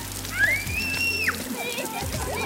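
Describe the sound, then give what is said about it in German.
Steady hiss of water spraying and splashing from a fountain on a hot summer day, continuous throughout, with a brief high-pitched gliding tone partway through and faint voices in the background. “Ja, wir sind ordentlich nass geworden und sehr schön hier”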